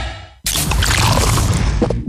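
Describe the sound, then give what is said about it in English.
A faint low hum gives way to a sudden sharp crack as a new 500ml Castle Lite beer can pops open, followed by a loud, steady fizzing pour that continues to the end. “That is the sound of the new 500ml Castle Lite can, turning life light side up.”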